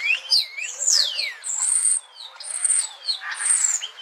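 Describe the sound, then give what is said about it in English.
A starling sings a rambling medley of whistles, slurred sweeps and buzzy high notes, including mimicked sounds, continuous for about four seconds with no one talking. “Here's one cool thing about starlings. They have the ability to mimic other birds and sometimes even humans.”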